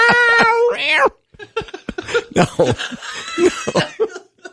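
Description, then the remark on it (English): A loud cat yowl with a wavering, rising pitch lasts about a second, then gives way to choppy bursts of sputtering, cough-like noise. “Yeah, you hook a little fluffy on the end of the hook.”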